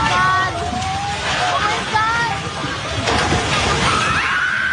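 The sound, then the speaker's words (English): Several people shout and cry out in alarm as staff run out of a Jollibee restaurant in the Philippines just before the three-story building collapses, over a loud, continuous roaring din, with a sharp crashing burst about three seconds in. No clear words can be made out. “A video posted online shows people shouting as staff at a Jollibee restaurant ran out of the building just before the three-story structure collapsed.”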